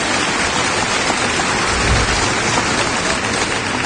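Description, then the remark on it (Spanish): Loud, sustained applause from a large church audience clapping for God fills the space, a dense, steady wash of clapping with no break and no voices heard over it. “Si usted está sediento de Dios, hambriento, apláudale fuerte.”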